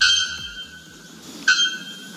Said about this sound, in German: Wir haben uns heute mal was Besonderes überlegt für Sie, meine Damen und Herren, zum Aufwachen. Heute weckt Sie der lauteste Vogel der Welt, der Nacktkehl-Glockenvogel.